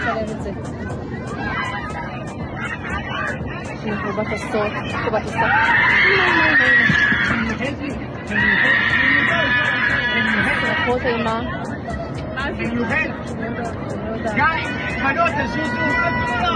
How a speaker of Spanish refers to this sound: Y se escuchan los gritos bastante feo de la gente.